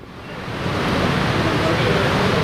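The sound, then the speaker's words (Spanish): Heavy rain pours down on an open stadium in a dense, steady hiss that swells slightly over the first half second, then holds constant, with no clear voices over it. “Estamos viendo cómo cae agua, ¿cuáles son de agua?”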